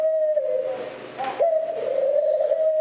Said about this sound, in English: And like humans, birds use their voices to attract mates. That's why birds sing so much in spring. They're trying out their latest material. Of course, some are a little smoother than others.